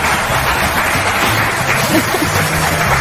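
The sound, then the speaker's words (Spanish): An audience applauding steadily for about three seconds, a dense, continuous patter of many hands clapping at a fairly loud, even level, with faint murmurs beneath. “Se ríen. Y aplauden.”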